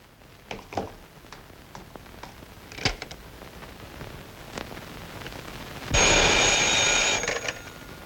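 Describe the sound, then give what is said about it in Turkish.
Scattered clicks and handling noises, like a phone being picked up and dialed, give way to a loud, buzzing telephone ring that lasts about a second and a half before cutting off. “Bir telefon edebilir miyim?”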